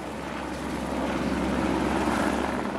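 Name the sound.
helicopter flying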